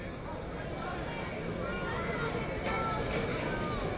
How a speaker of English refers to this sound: Young rowdy crowd cheering him on from beyond the left field wall.